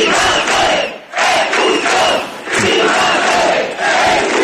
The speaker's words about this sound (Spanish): Los manifestantes, medio millar aproximadamente, con banderas de Ceuta y España y con vítores...